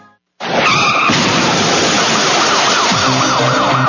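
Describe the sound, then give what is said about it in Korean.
A sudden loud screech of car tires skidding in a traffic accident bursts in with harsh crash noise, and a wailing emergency siren rises near the end. No one speaks. “교통사고 나면”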